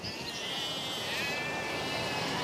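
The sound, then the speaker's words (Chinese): Small-tailed Han sheep, about ten of them, bleat in a steady, quavering chorus that lasts the whole moment, fairly loud, with no voices talking over it. “十来头， 小尾绵羊。”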